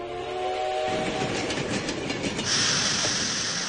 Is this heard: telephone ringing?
no